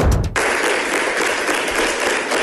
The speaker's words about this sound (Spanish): El aplauso es para la alcaldesa, que lo recibe emocionada y con lágrimas en los ojos.